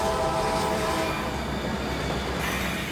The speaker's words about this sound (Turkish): Bu tren haftada bir kez bu noktadan geçiyor. Mutlaka yetişmeleri gerek. Acele edin. Acele edin. Yetişeceğiz. Kaçırdık. Tren gitti. Tren gitti.